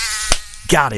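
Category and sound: insect, mosquito buzzing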